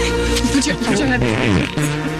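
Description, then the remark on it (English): A loud, buzzy fart sound effect lasting about two seconds, its pitch wobbling and sliding downward before a brief, steadier low tail. “All right, that was World Cup Report, sponsored by Jurassic Farts.”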